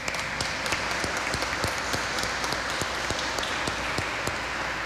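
An audience at a Eucharist celebration applauds for a birthday, clapping steadily, a dense wash of many hands with sharp individual claps poking through at an even, moderate loudness, with no voices over it.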